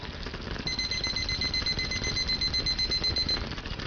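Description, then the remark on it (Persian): A kitchen timer, set for 7 minutes while rice cooks in a clay pot on lowered heat, goes off with a rapid, steady string of high-pitched electronic beeps that lasts a few seconds over a constant background hiss. No one speaks. “حالا شعله رو کم می‌کنیم و تایمر رو روی 7 دقیقه تنظیم می‌کنیم.”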